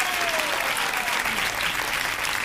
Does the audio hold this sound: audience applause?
yes